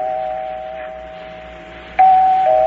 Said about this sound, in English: I rang the bell. Kept ringing and ringing. No one answered.